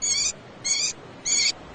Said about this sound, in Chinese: 这是城市中圈养的画眉鸟的求偶声